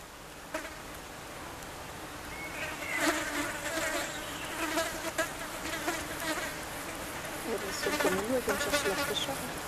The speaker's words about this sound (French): Vous avez les petits moucherons, là. Une mouche qui nous arrive dessus. Ouais. J'observe là, t'as un tapis de mouches, c'est excellent. Ouais, on les entend même là, si je fais doucement là.